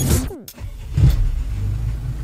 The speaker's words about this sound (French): Waouh, pas vraiment une bombe l'auto là.